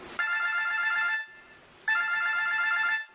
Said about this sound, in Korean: 네, 어느 날 새벽 2시경에 110 구조대에 이런 전화가 걸려왔습니다.